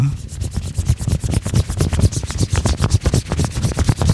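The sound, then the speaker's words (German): For a guessing game on the radio station FFN, a coin rubs rapidly back and forth over an object, making a steady, rhythmic scraping with quick repeated strokes, a gritty sound like fine sanding that continues without pause. “Ganz Niedersachsen rätselt mit: An was rubbeln wir hier mit einer Münze?”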